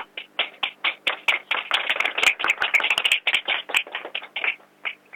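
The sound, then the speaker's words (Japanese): Supporters and members of a support association clapping and applauding at an election office in Ishinomaki, Japan, as the election result is decided, a dense patter of many hands that swells in the middle and thins toward the end, with no voices. “応援団、そして後援会の方々の拍手が今沸きました。”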